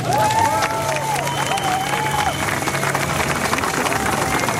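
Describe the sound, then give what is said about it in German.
An audience applauds steadily for everyone who was in Erfurt, a dense wash of clapping with crowd noise beneath it. A few brief whooping cheers rise over the clapping near the start. “Einen großen Applaus für alle, die in Erfurt waren.”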